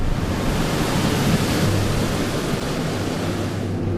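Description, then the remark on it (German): A strong, steady rush of blown air from an air shower at a tiger mosquito breeding facility, the airstream a barrier to the few-millimetre mosquitoes; a broad hissing roar with a low hum beneath it, loud and unchanging throughout, with no voices. “Danach folgt eine Luftdusche.”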